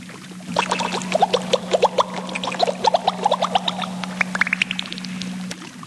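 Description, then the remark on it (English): Water splashes and gurgles in a quick run of sloshing bursts over a steady low hum, ending in a rising, bubbling trickle. No one speaks. “Did you hear a splash?”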